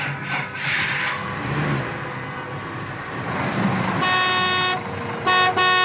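A loud truck horn blares in a long sustained honk, then gives a couple of short blasts, over steady traffic and engine rumble.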